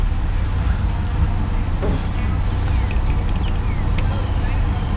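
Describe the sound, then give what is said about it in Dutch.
An Audi car engine rumbles steadily and loudly as it drives past, a low, continuous roar with traffic-like noise and a few faint clicks, while muffled voices murmur underneath. “Die stinkbompje aanknalt. Zullen we zien, dat is die verdomme een Audi.”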